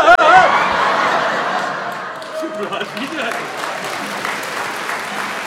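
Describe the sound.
Steady audience applause, dense and sustained for several seconds, with scattered laughter and a few voices mixed in.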